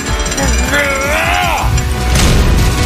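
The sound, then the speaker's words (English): A heavy door at a famous threshold groans with a wavering, squealing creak as it is pushed, then slams shut with a loud, booming crash, all over a steady rumbling background noise. “We're going to get this Chonkosaurus of a door to slam shut.”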